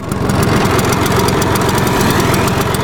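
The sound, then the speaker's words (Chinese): A Vespa scooter engine idles, a steady, loud putter with a fast, even rhythmic chug that holds unchanged for a few seconds, with no voices. “每次在街上听到伟士牌的引擎声，就会想起阿公。”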